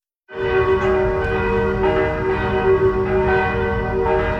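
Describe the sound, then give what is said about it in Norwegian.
Church bells of Torshov church in Oslo, Norway, ring steadily and loudly just after 1 a.m. at night, likely due to a technical fault; their sustained tones overlap into a dense, continuous peal that carries without pause from start to finish, with no voices present. “en video hvor man kunne høre kirkeklokkene”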